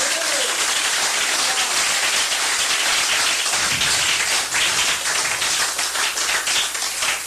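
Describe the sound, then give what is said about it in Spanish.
An audience at an evening church service breaks into sustained, loud applause for Christ, many hands clapping densely and continuously for several seconds with a faint murmur of voices underneath. “Den un aplauso a Cristo en esta linda noche.”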